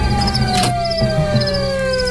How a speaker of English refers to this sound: Yeah, how do I turn this siren off?